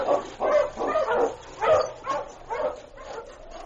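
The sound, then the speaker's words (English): A husky barks and yips in a quick run of about six sharp, mid-pitched calls, the last trailing off into a rising whine, with no talking. “Push, you husky, push!”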